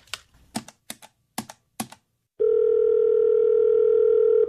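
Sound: telephone ringing tone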